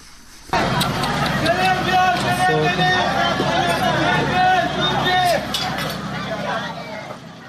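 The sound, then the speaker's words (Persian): A chaotic crowd commotion in the first minutes after an explosion at a wedding ceremony in Sirik, Hormozgan, struck by missile shrapnel during US airstrikes: many overlapping voices shouting and crying out at once, loud and sustained, with occasional higher screams and clinking noises rising above the dense babble. “این صداها نخستین دقایق پس از وقوع انفجار در یک مراسم عروسی در سیریک را ثبت کردند، جایی که بنابر گزارش هلال احمر هرمزگان در جریان حملات هوایی آمریکا ترکش‌های یک موشک به آن اصابت کرد.”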